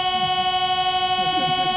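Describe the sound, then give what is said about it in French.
A loud, steady note from the grand organ of Nice Cathedral, France, holds unbroken, its buzzy, reedy tone resembling a Paris metro door-closing signal, with faint murmuring voices low underneath. “Là, on a l'impression d'être dans le métro parisien quand les portes se referment.”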